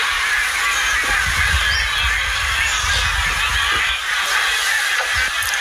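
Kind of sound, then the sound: bird, geese honking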